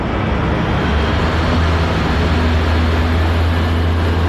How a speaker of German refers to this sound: Ein Radpanzer und mehrere Lastwagen fahren vor.